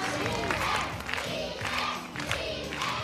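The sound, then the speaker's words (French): A lively crowd cheers and shouts continuously at a Miss and Mister Maison de Retraite (retirement home) pageant as contestants parade in turn before the jury, a dense wash of many voices at steady, fairly loud volume with rising whoops throughout. “Chacun leur tour, les candidats défilent ainsi devant le jury et la foule en délire.”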